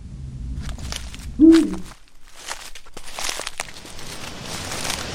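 A single deep hoot from a Eurasian eagle-owl, one of the largest European birds of prey, rings out once in the Bauges, amid crunching footsteps and rustling outdoors, with no speech.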